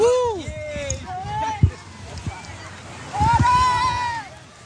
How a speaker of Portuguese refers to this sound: Está prometido e vão cumprir. Todos na água, 3 da manhã, neste momento, a mergulhar na Praia da Torre.